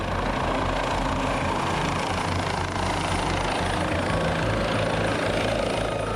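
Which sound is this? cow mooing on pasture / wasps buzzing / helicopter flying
helicopter flying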